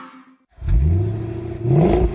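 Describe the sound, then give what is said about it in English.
A 1970 Plymouth Cuda AAR muscle car in plum crazy purple fires up and revs loudly, its deep rumble rising in pitch, easing off briefly, then climbing again in a second throaty rev. “Wow, Joe, that's a nice car. Yeah, man. What is it you're driving there? Is that a Cuda? Yeah, it's a 1970 Cuda AAR”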